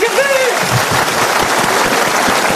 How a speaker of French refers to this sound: Regarde alors, quand j'applaudis, c'est vrai que je ressens à une otarie et tout, je suis prêt à faire un spectacle. Allez, on est au spectacle, vous m'applaudissez faire l'otarie.